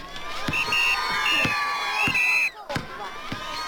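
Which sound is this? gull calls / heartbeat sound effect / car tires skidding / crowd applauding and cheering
crowd applauding and cheering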